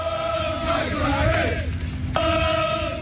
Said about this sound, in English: England World Cup fans showed up at Truist Park after their own team's win downtown and made headlines with their chants in support of center fielder Michael Harris.